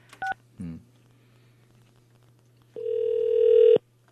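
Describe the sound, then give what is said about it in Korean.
A couple of short electronic beeps, then a single steady ringback tone lasting about a second as a radio host places an outgoing phone call to a listener, clear and fairly loud over a faint line hum, with no talking. “자, 신호 갑니다.”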